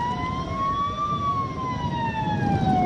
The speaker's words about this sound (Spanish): Están parados al borde del avión, de la escalera. Los que están en la pista hacen sonar las sirenas. La gente aplaude.